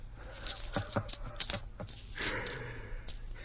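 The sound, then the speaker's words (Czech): Several metallic clinks and taps of coins, spaced irregularly, followed by a brief rattling scrape as they shift together, moderately quiet with no voices. “To je peněz.”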